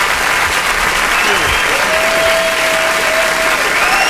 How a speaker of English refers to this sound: Clapping, clapping, clapping.